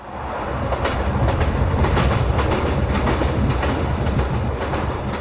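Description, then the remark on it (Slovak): A train car rolls steadily along the rails with a loud, continuous low rumble and rhythmic clicking bursts, heard from inside the carriage where passengers sit, with no voices. “Sedeli sme vo vozni a obzerali sme sa okolo seba.”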